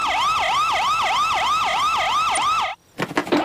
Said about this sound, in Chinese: 只要按下这个按钮，就能打开警笛。你知道警笛吗？呜呜呜！我来示范，就像这样。